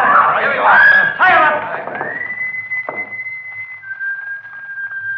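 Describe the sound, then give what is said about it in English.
After a brief burst of overlapping voices, a long, steady high-pitched whistle signal sounds for about three seconds, holding nearly one pitch, with a single soft thump partway through. “Holmes, that's him. That's the signal.”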